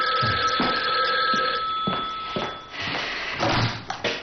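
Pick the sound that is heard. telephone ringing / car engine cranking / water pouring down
telephone ringing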